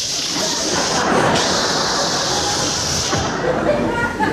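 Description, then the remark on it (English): A voice makes a long, steady 'shh' hiss imitating air escaping from a balloon. The breathy, high-pitched hiss holds fairly loud for about four seconds with only slight wavers. “And he was a clever little balloon because he didn't want to look conspicuous himself, and he decided on his way out of the room he'd let some of the air out of himself. So he began to say, shh.”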